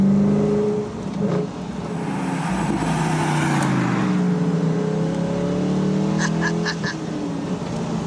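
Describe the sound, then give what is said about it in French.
The V8 engine of the last Morgan car ever made revs steadily, its deep throaty rumble rising and falling in pitch over several seconds. It is loud and continuous with a burbling exhaust note and no talking. “Alors, on est là au volant de la dernière Morgane de l'histoire avec un V8 qui en aura.”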